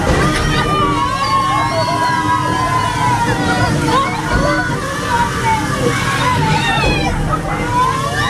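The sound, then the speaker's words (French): Continuous splashing and sloshing water from a boat ride moving along a small river with water cannons, loud, with bursts of spraying water and a crowd murmuring faintly in the background throughout. “C'est pas simplement un tour, là c'est simplement un bateau qui avance dans une petite rivière. Mais ajouter à ça des canons à eau, on passe un super moment qui est au-delà de simplement la balade au milieu d'un joli décor.”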